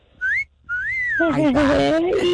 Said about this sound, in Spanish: Sí, ya casi califica para el chiflidito del compa